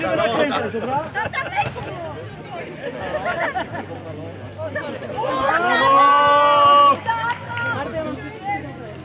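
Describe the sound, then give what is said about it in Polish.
Football fans make a steady roar of overlapping voices and shouts, which swells midway into a loud, sustained group chant before settling back into busy crowd noise. “Gdzie są kibice? Zróbcie hałas!”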